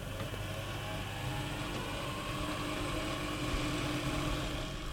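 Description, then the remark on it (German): The small electric start motor of a musical instrument, switched on and coming up to speed, whirs steadily, a constant mechanical hum with a faint buzzing edge that stays even throughout the five seconds, with no voices. “Es gibt auch zwei Schalter, einmal den Startmotor und einmal den Run-Motor quasi. Erstmal kommt die auf Touren.”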